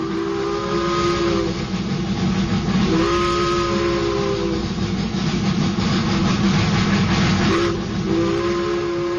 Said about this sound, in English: We waited for that train to roll into town. We did. It was a big excitement. My father had to make a place on the track, on the siding, for the school car to park.